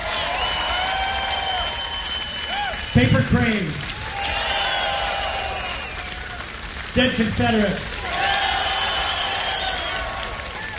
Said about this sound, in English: Let's hear a round of applause